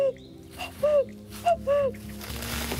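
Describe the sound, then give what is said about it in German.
A person in a national park mimics a cuckoo with clear two-note calls, a higher note falling to a lower one, repeated twice against quiet outdoor background noise. “Klingt wirklich echt. Kompliment. Doch wenn man viel Glück hat, hört man hier im Nationalpark auch den echten Kuckuck rufen.”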